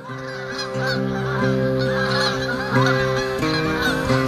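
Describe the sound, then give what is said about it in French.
A flock of geese honks continuously, many overlapping calls forming a loud, dense chorus with strong harmonic tones, sustained throughout without pause. “Vous les avez entendus? Vous êtes sortis? C'est le grand jour de l'oie !”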